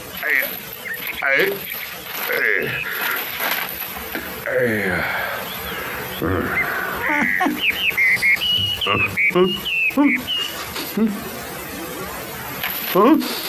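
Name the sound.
woodpecker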